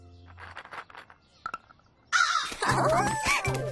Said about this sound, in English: Lunchtime for crows! And they love walnuts!